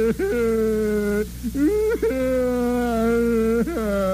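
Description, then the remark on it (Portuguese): A man under arrest whimpers and cries in long, drawn-out wailing sobs, his voice wavering and breaking between sustained moans, loud with no other talk. “Vai curtir o seu choro na cadeia, seu patife.”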